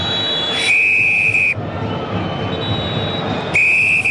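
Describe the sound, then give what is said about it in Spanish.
A referee's whistle gives two loud, shrill blasts ending the first half of a Copa Chile football match involving Católica at the Claro Arena, a long one and then another after a pause, over the steady roar of a stadium crowd. “Pitazo final, suena el silbato”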